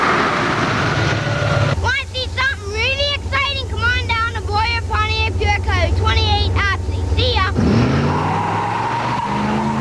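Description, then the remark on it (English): A powerful Trans Am car engine roars, with a burst of rapid, repeated screeching tire squeals or revs in the middle, then the loud rumble carries on, in a 1989 radio commercial for Jerry Nurse Auto Parts. “Here comes the kid in the Trans Am.”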